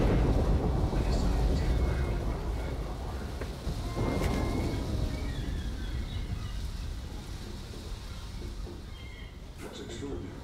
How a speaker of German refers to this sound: Sag bloß, du hast Angst vor Gewitter.